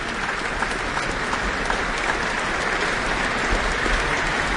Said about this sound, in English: She's back, taking in a bit more of the applause here at the Auckland Town Hall. From the audience as well as her fellow musicians on stage.